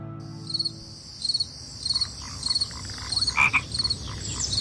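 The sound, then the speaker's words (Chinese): Frogs croak in repeated short bursts at a steady rhythm, roughly every half second, over a continuous high-pitched chirring of insects, with low rumbling underneath and no one speaking. The sounds illustrate the Lixia (Start of Summer) solar term. “楼郭鸣，蚯蚓出，王瓜生，苦菜秀，楼郭开始聒噪着夏日来临”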